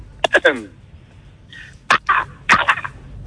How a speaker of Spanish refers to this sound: Vamos, vamos con el primero, vamos con el primero. El primero, el cuervo, ¿no?